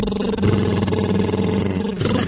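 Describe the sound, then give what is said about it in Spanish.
A loud, buzzing lip trill used as a vocal warm-up, held for about two seconds, its fluttering drone staying low and steady before briefly dipping in pitch near the end, with no talking. “Junto mis labios y es como si hicieran unas burbujas, o cuando estábamos pequeños jugábamos al carro.”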